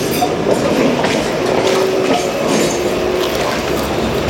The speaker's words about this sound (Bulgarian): Трамвая!